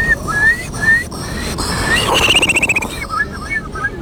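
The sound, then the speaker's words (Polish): A person in a bird-imitation contest imitates a Eurasian curlew call, a Polish bird species: rising whistled notes, then a fast bubbling trill of about ten pulses, followed by a few shorter whistles. “To będzie kulik wielki. Brzmi on mniej więcej tak.”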